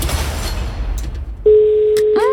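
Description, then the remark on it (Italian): After a stretch of rumbling noise, a steady electronic phone-call ringing tone, the third ring, comes in at one fixed pitch and holds clearly to the end, with a brief warbling sound over it at the close. “Terzo squillo.”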